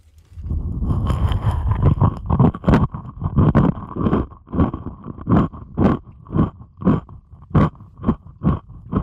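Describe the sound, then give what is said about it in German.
Loud crunching of a dry rusk (Zwieback) being chewed with the mouth closed, heard through a stethoscope placed on the head: a dense rumble of bites at first, then steady rhythmic crunches about twice a second, booming and muffled. “Jetzt lege ich mir das mal auf den Kopf hier und esse Zwieback dabei.”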